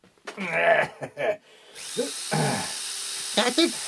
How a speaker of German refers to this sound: Irgendwann wirst du aufhören müssen zu bohren.